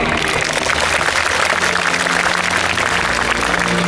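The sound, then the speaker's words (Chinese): A large audience at the June 2023 Tsinghua University graduation ceremony applauds to congratulate the students, a dense, even wash of many hands clapping at once that holds at the same loud level for about four seconds, with no voices heard. “让我们以热烈的掌声祝贺各位同学。”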